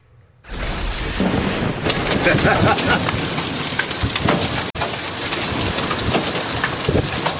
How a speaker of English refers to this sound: Yeah, ouch. You can hear the ding of the hail. Not good.